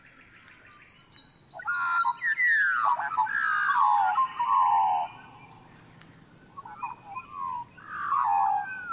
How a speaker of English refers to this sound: Now, do you have a favourite bird sound? I think a lot of us would go for the magpie.